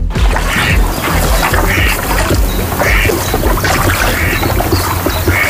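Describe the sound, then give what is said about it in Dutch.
A canoe moving across water during the last stage of a canoe crossing tour, from Bedaard to Ljouwert (Leeuwarden), with steady paddle strokes splashing roughly once a second over a constant wash of water and outdoor noise, fairly loud. “Een van de acties om het geld op te helpen is een kano-oversterdentocht.”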